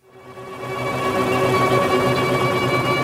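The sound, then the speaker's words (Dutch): The rotor drone of four helicopters blends with sustained, wavering string quartet tones in music by Karlheinz Stockhausen, written in the 1990s for string quartet and four helicopters, building from a quick fade-in to a dense, steady wall of sound, with no voices. “Oké, ik hoor de helikopters, ik hoor de strijkers, maar dus die muzikanten zitten in een helikopter.”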